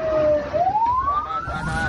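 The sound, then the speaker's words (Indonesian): An ambulance siren wails, its tone dipping and then sweeping steadily upward, loud over a low rumble of traffic noise. “Mari, sahabat muslim dimanapun sahabat berada, manfaatkan pelayanan ambulan gratis ini.”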